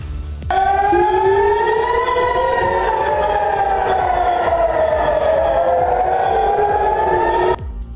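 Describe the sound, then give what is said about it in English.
Several air raid sirens wail at once across Israel after Iran launched ballistic missiles at Israel, their tones slowly rising and falling and crossing each other in a loud, sustained drone that starts abruptly and cuts off near the end. “The move sounding sirens across Israel.”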